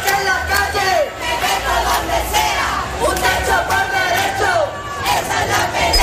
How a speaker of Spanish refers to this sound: en una movilización en la que se han escuchado gritos contra el bloque de la derecha, los fondos buitres, y en la que se han hecho repetidos llamamientos a la huelga general.